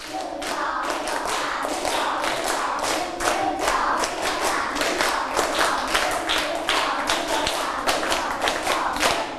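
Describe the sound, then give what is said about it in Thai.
A group of children claps in three sets, in loose bursts, the hand claps ragged and out of sync rather than landing as one, continuing steadily at a moderate level. “ปรบมือ3ชุด ไม่ผ่านเพราะว่าไม่มีเสียงพูดออกมาด้วยมันก็จะไม่พร้อมกันคราวนี้ปรบมือ3ชุด”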